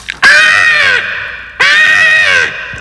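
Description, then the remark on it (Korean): Two loud, drawn-out, harsh caws, evenly spaced, as a human voice imitates a crow that landed on a car's side mirror and pecked at it; no other talking. “녀석은 까마귀였어요.”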